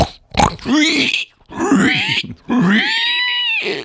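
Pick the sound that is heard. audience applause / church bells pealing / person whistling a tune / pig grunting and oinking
pig grunting and oinking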